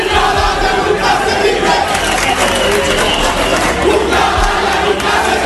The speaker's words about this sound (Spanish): El pueblo de Ceuta ovacionando al presidente Vivas.